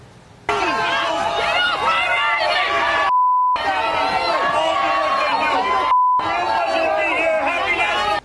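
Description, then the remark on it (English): A large crowd in New York boos and jeers loudly and continuously as Mondani is booed off stage, the noisy roar cut off twice by brief silences, each marked by a short electronic beep tone. “Mondani got booed off stage in New York.”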